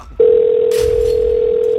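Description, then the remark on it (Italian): The first ring of a telephone ringing tone on the line: one steady, single-pitched beep starts abruptly and holds loudly for nearly two seconds, with a brief hiss of background noise partway through. “Primo squillo.”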